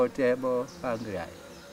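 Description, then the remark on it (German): A voice imitates the humming of bees coming and going in a forest with two short, voiced "bzz" sounds in a row, clear, with no real insect sound behind them. “Sobald wir im Wald sind, setzen wir uns in ein ruhiges Eck, von wo aus wir die Bienen kommen und gehen sehen. Wir lauschen ihrem Summen, bzz, bzz”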